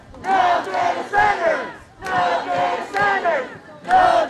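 Hundreds of protesters holding signs chant in unison at City Hall in Coachella against a proposal to build 6 data centers in the city: loud rhythmic phrases of several beats each, separated by brief pauses, the many voices blending into a strong, steady cadence.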